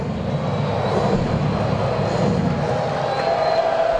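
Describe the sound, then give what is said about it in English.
A sellout baseball stadium crowd chopping and chanting for a batter, blending into a steady, dense roar that fills the whole stretch without pause, with no one speaking. “Sellout crowd chopping and chanting for Ozzie.”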